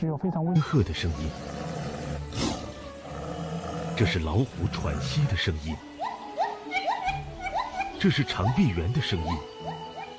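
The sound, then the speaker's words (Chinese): A tiger pants heavily, with rough, rhythmic breaths and throaty rumbles repeating steadily for about ten seconds. “这是老虎喘息的声音”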